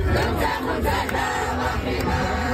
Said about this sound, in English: A video showing a group of Moroccan fans singing the country's anthem in a parking lot in the Petit Maghreb neighborhood after winning 3-0 against Canada.